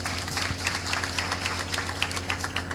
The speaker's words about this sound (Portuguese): Que Deus abençoe a cada um e a todos estes nossos irmãos. Saudemos a todos eles com a salva de palmas.